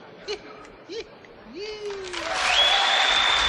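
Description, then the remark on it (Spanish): A few short rising hoots and a sliding tone give way to audience applause for a performance that swells and fills the second half, with a steady high whistle ringing over the clapping. “Pocos son estos aplausos para estar a la altura de esta interpretación.”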